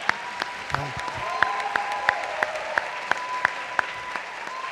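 A crowd gives a sustained round of applause, dense and steady, with a few louder claps punching through at a regular rhythm throughout, at a solemn session, applauding staff of the Templo Ifajé.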